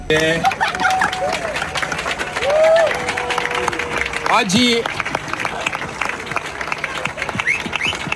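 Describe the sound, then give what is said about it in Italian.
A crowd claps steadily in a dense, continuous patter, swelling briefly partway through as Gregorio Paltrinieri arrives, greets the crowd and prepares to enter the water, with voices and a few whistles rising over the applause. “Poi gli applausi si fanno più forti, arriva Gregorio Paltrinieri, saluta la folla e si prepara anche lui a entrare in acqua.”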